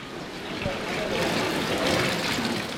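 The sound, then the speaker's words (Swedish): Steady, echoing wash of water and splashing fills a large indoor pool hall, with faint voices murmuring in the background and no single splash standing out. “Jag går ut i simhallen”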